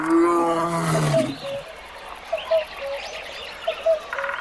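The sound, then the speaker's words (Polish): A lion lets out a deep, rumbling roar lasting about a second, then falls silent while faint birds chirp intermittently in the background. “Aczkolwiek uczeni wnikliwie badają te sprawy i przypuszczają, że zarówno wielki historiograf, jak i wielki filozof pomylili i opisywali tak naprawdę lwa.”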